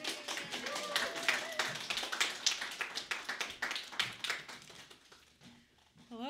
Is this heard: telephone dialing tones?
no